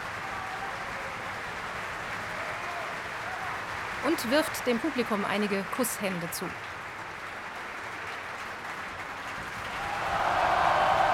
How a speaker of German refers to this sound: Er bekommt großen Applaus hier im Festspielhaus.